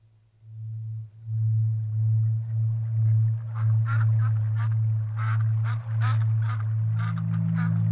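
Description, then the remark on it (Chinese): A duck quacks repeatedly, about a dozen quick calls crowding the second half, clear over a steady low droning hum, in a reading of Wolf Erlbruch's picture book about a duck meeting Death. “最近鸭子觉得有什么东西在跟着它。 嘎，你是谁？”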